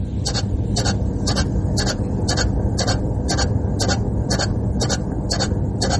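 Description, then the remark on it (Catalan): A Chinese lucky cat waving its arm, heard as a steady, fast run of short scratchy clicks, about two or three per second, over a continuous low mechanical hum, with no talking. “És el soroll que fa un gat de la sort xinès quan mou el braç.”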